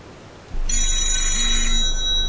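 A telephone rings loudly, its bright, buzzing bell tone starting abruptly and sounding in short repeated bursts against a low background hum.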